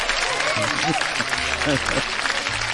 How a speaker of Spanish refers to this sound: El fundador del Grupo Radio Fórmula se llama Rogelio Azcárraga Madero. Un aplauso, que Dios lo tenga donde lo tiene que tener.